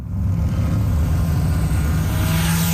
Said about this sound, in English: It has been determined that 17th is a hotspot for noise generation in the city of Calgary. Inspector Bradley Johnson with the city's traffic safety team says they'll be targeting the drivers of noisy modified vehicles in a clampdown called Operation